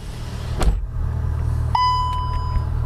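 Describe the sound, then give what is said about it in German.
A car drives along with a steady, low road and engine rumble. A brief thump comes early, then a sustained electronic beep tone sounds over the droning noise. No one speaks. “Mit dem Auto sind es gut 45 Minuten von Washington Richtung Westen bis nach Ashburn.”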